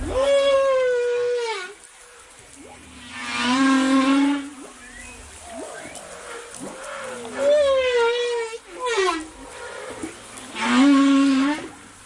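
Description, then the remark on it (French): Humpback whale song recorded underwater by hydrophone in the Indian Ocean, from a whale that passed Madagascar: long, harmonic moans and swooping cries that rise and fall in repeated phrases, loud, with brief grunts and whoops between the calls. “Bah, je vous propose d'écouter, parce que vous nous avez très gentiment envoyé par une méthode tout à fait moderne, par le MP3, des sons de baleines, et on va écouter précisément les sons impressionnants de ces baleines à bosse, Thibaut.”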